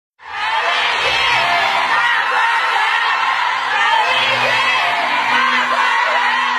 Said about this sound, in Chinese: 当越剧《我的大观园》演出落幕，观众持续鼓掌，呼唤演员姓名的声音响彻剧场。陈丽君多次返场致意。